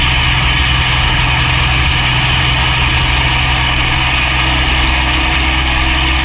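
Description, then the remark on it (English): A car engine runs steadily, a continuous low rumble with a droning hum that holds even and loud throughout, with no voices, as the car drives along Broadway. “I dislike being repetitious, girl, but the car's still following us.”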